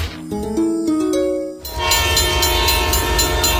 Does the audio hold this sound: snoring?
no